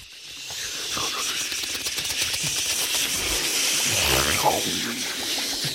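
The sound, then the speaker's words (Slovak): Voices imitate sea surf with a steady, breathy hissing and shushing that runs throughout, swelling slightly toward the end like a wave washing in. “Skúsme to znova. More.”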